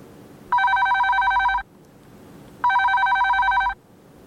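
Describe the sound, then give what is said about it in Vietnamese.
A telephone rings twice as a listener calls in to a radio music request program, each ring a bright, steady electronic trill lasting about a second, separated by a short pause. Loud, with no talking. “Hãy cùng chờ đón những cuộc điện thoại của các bạn thính giả gọi điện về cho chương trình, quý vị và các bạn nhé.”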